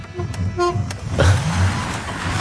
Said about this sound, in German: Jo. Schwalbe an. Hupe funktioniert.